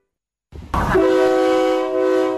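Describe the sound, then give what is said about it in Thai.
A State Railway of Thailand air-conditioned KiHa 40/48 diesel railcar on the Don Mueang–Ayutthaya route rumbles in, then a loud, steady train horn blares and holds for a couple of seconds over the rolling noise of the passing train, with no voices. “มาแล้วมาแล้วจ้ารถไฟแห่งประเทศไทยเปิดให้บริการขบวนรถดีเซลรางปรับอากาศคิฮะ4048เส้นทางดอนเมืองอยุธยาทุกวันจันทร์ถึงวันศุกร์แบบไปกลับรวม6ขบวนต่อวัน”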